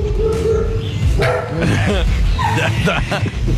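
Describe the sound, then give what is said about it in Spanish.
Several dogs bark and yip in loud, overlapping bursts at a journalist doing a live report, with a person's voice mixed in beneath the barking throughout. “Periodista haciendo vivo y los perros ladrándole.”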